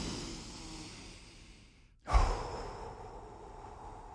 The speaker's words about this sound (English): It is time to do our breathing exercises, a.k.a. the daily traffic and construction report. So let's do our deep breaths here.